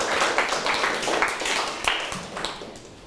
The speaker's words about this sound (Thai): เก่งมากเลยครับปรบมือให้เพื่อนหน่อยครับ